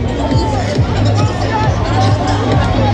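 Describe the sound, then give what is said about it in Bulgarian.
A large crowd at an outdoor public Eurovision viewing in Vienna cheers and roars, celebrating Bulgaria's first Eurovision win at the 70th contest, in a steady, dense wash of noise that holds at full loudness for the whole stretch, with a voice talking over the din. “Виждате, публиката ликува.”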